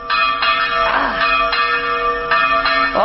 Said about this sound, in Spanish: ¿Y entonces qué pasa cuando escuchas las campanas de la misa? Pues vas a misa.